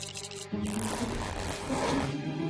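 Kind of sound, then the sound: household object, zipper being pulled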